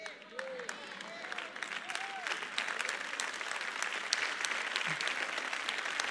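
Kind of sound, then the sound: crowd, audience clapping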